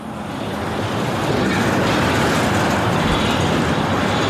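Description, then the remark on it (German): Heavy trucks, diverted by police from the A4 motorway, rumble along the main street of the small town of Hürth near Cologne, Germany, a deafening, dense, continuous roar of engines and tires that swells slightly in the first second and then holds steady and loud, with no voices. “Lkw drängen sich über die größte Straße im Ort.”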